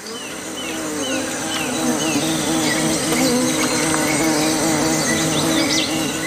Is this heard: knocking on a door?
no